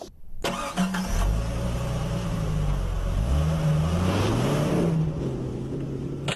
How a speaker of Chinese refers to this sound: 待会儿呢，我开着这辆车会以每小时30公里的速度往前开过去，我在见到这个塑料模型的第一时间就会急踩刹车，试验的目的要看一看能不能够在到达那个塑料模型的所在位置之前，我的车就停下来。